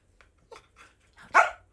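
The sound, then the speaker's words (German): A TV dog gives a few short, soft yips and woofs, building to one louder, sharper bark at the end, with no talking. “Soll er doch mal selber antworten.”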